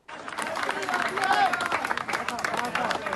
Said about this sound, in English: So you can hear there the applause. This was in a site at Cali where a woman was pulled out alive. This was after 16 hours, an operation to try and free her.